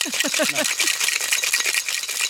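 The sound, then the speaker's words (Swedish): Ice and freshly squeezed lemon rattle hard inside a cocktail shaker in fast, steady rhythmic shakes, a bright clattering rush throughout, with brief low voiced sounds at the start. “En shaker, är det A och O i varje hem, tycker du?”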